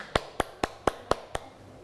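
Six sharp, evenly spaced claps in a steady rhythm, each crisp and close, gradually softening before quiet follows. No one speaks.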